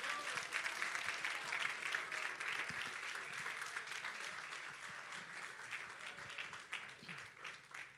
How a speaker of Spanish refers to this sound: Dele un aplauso al Rey.